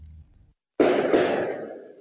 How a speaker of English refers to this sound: It was determined to be fireworks in a parking lot nearby.